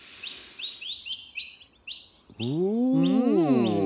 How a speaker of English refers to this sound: Ooh, a lovely bird song.